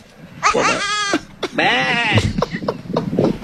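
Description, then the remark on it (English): Two loud, quavering goat bleats follow each other in quick succession, with a few shorter, softer sounds trailing after. “Why do we have so many goats?”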